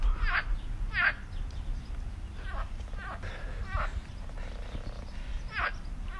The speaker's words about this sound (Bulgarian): Какви са тия жаби сега тук?